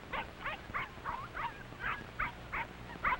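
Puppies yapping in a quick, steady series of about nine high, thin yips, fairly loud, with a faint rustle of movement underneath and no one talking.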